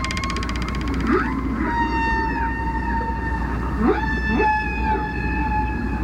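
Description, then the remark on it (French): Whale song: long, sustained tonal calls with rich harmonics, holding steady pitches that rise and fall in slow glides, over a constant low underwater rumble with no talking. The whale sings by filling a sac with air from its lungs, making cartilage hooks vibrate. “Lorsque la baleine chante, l'air de ses poumons vient remplir le ballon.”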